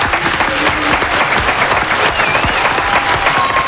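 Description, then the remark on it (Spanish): Dense, steady applause from a group of people, loud, with rapid overlapping claps filling the whole stretch and a few faint voices mixed in; a standing applause honouring someone who has devoted his whole life to radio. “Así que me pongo de pie para aplaudir”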